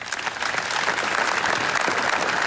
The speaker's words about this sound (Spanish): Hoy, segundo día de duelo oficial, se ha guardado un minuto de silencio marcado por la emoción y el dolor y roto por un largo aplauso.